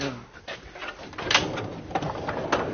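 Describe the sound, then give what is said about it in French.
A specimen cabinet drawer holding old, precious specimens is pulled open, a rough, squeaky scraping slide lasting a few seconds, with faint voices murmuring in the background. “Très bien, alors là, ça donne envie de les ouvrir, ces tiroirs.”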